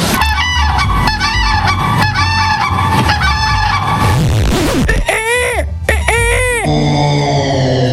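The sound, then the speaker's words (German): A person imitates a crane's call: a string of loud, harsh trumpeting honks, then a brief breathy stretch and two longer, bending cries, with no speech. “Das war der Kranich.”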